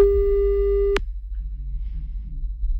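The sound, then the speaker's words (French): A single steady telephone beep tone holds for about a second at a mid pitch, then cuts off sharply with a click, leaving a low hum and faint murmuring noise. “Vas-y, un bip bip.”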